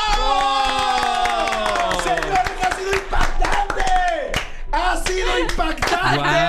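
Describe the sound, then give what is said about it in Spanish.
Scattered spontaneous clapping and crowd cheers break out as a singer holds the closing note of the US national anthem, a sustained sung note that slides through several pitches, the claps sharp and irregular throughout. “… no solamente tuvo el aplauso espontáneo, sino que arrancó.”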